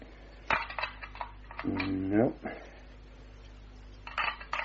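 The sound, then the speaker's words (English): Keys are tried one after another in the lock of the door to a shuttered room, jingling and clicking in short metallic bursts, with a brief strained, rising tonal squeak in the middle and another flurry of faint rattling at the end. “No, these are the only keys, Miss Hunter.”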